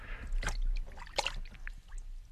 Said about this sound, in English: So, okay, get yourself a tub of very cold water, like this one here. Lower your arm into it, like so.